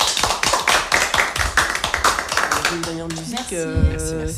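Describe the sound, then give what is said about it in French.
An audience claps for the participants in a steady, dense patter of sharp bursts for a few seconds, then the clapping fades as music with sustained, pitched tones and a voice starts up. “On peut vous applaudir, je pense.”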